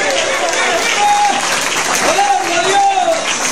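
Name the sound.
audience applauding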